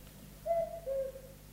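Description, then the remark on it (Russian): A cuckoo calls once, two soft hooting notes, the second slightly lower than the first, heard clearly over a quiet background with a faint low hum. “Кукушка.”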